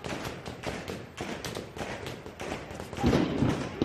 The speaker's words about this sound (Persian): شلیک ها را شنیدی و زود فهمیدی این صدا با صدای پینتبال و ساچمه فرق دارد. خشکتر است، کوتاه‌تر، بی پژواک. صدای گلوله جنگی است.